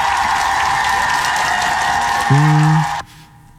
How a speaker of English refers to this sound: You know, applause to my guy, though, man. Give it up for Travis Kelce.